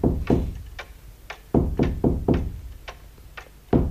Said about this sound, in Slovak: Čo to je? A dedo niečo chce a búcha palicou na stenu.